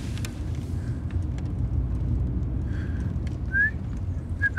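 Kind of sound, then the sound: human body sound, person whistling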